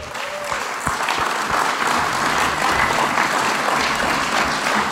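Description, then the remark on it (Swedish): An audience applauds steadily, a dense wash of many hands clapping at a fairly loud, even level for several seconds, with no voices standing out. “Ska vi se dem en klappar till att?”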